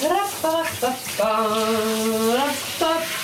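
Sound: shower water running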